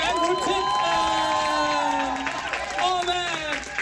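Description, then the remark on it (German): A crowd cheers and shouts loudly and continuously, many voices overlapping in rising and falling whoops, with some clapping mixed into the steady din. “Genau, mach doch mal Lärm.”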